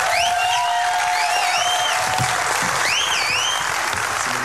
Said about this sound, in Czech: A prosím, obrovský potlesk taky pro olympijského vítěze v rychlobruslení z Milána a Cortiny Metoděje Jílka.